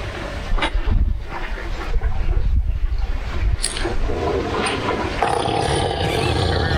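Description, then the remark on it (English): An elephant farts in a long, loud, low rumble that rolls on for several seconds, raspy, with a windy, blustery texture and no voices over it. “A little body of water, and when that elephant starts to fart, his tail raises up.”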